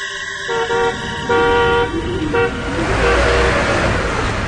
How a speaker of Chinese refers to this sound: 大街上，此时有一辆带篷布的卡车在夜色中行进着。车子行驶到拐弯处，车速减慢